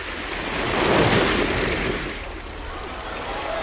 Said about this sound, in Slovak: a pozerá sa do kúpeľného parku s rastlými stromami, ktoré majú niekoľko storočí, lipy, jasene, brezy, všetko tu nádherne veje vo vetre a je to taká tá pomyselná vodná hladina, hladina toho lesa, ktorá obklopuje celú tú zakotvenú loď funkcionalizmu.